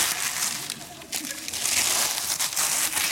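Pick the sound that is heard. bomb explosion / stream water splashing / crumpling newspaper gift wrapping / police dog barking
crumpling newspaper gift wrapping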